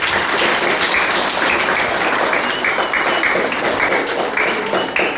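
Sustained audience applause at a prize-giving for the third-place winner, a dense steady wash of many hands clapping at a loud, even level for several seconds, with no voices standing out.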